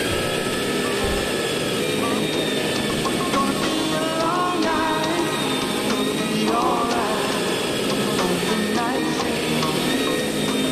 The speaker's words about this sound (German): Ganz schön laut, der Staubsauger. Ich kann das kaum mehr ertragen.